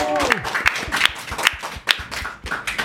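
A live audience at an Alex Berlin radio show applauds with steady, dense clapping that fills the whole moment, fairly loud; a voice briefly calls out at the very start.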